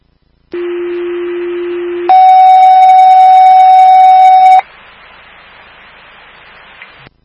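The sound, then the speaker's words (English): Fire dispatch alert tones over radio, toning out Station 25 for a mutual aid medical call at 61 Beach Street in the town of Palmer: a steady low tone for about a second and a half, then a louder, higher tone for a few seconds, followed by soft radio static. “Again, that's 61 Beach Street. I'll tone it out.”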